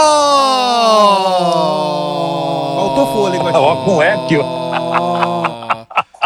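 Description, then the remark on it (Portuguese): One long, sustained shout held steadily for about five seconds, loud, with a slight droop in pitch and a reverberant, echoing tail before it cuts off abruptly. “Com eco.”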